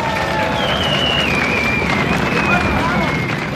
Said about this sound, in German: vielleicht stecken Sie auch unseren lieben Bürgermeister an, der sitzt hier neben mir, das ist er, ihr kennt ihn ja doch alle, der Reinhold Ruhr, ein extra Applaus.